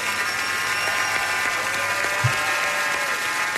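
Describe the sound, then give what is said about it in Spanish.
Steady, dense applause holds at an even level throughout, with a crowd's cheering voices rising and falling underneath and a brief low thump partway through. “Aplauso, señor.”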